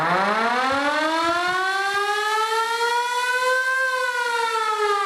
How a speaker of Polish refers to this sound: My możemy włączyć koguty w naszym odrestaurowanym samochodzie, czy mogą zakręcić syreną.